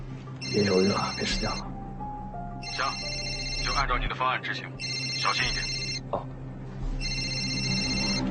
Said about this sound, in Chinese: 是毒贩的电话。